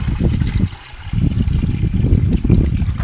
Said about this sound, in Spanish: ¿Cuánto les dije? 4 de agua y 1 de suero, ¿no? Ya, yeah. En promedio. Ahora se está haciendo la mezcla de 4 litros de agua y aproximadamente 1 de suero.